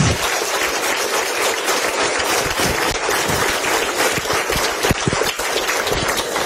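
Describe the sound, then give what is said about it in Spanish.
Sustained applause from a crowd at a worship gathering, given to God as King of Kings, a dense steady wash of many hands clapping at an even, fairly loud level for several seconds without letting up. “pero que estén esta cantidad como anoche y hoy exaltando y glorificando al Altísimo Dios Todopoderoso, es merecido de un fuertísimo aplauso que le den al Rey de Reyes y Señor de los Señores.”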